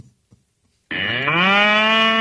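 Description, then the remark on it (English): A single loud, sustained moo from a bull starts abruptly after a near-silent pause and holds steady with rich harmonics, alone without any talking. “We don't have a cow. Got a bull.”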